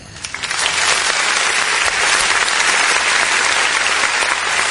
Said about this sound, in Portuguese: Ô, produção, eu quero essas palmas. Mas tem que ser alta, né, produção? Tem que ser alta, né? Senão não dá, né?